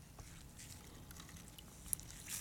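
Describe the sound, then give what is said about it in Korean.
Faint, steady crackling fizz of sparkling water, a soft hiss dotted with tiny scattered pops and one sharper tick near the end, with no talking. “스파클링 소리 들리세요?”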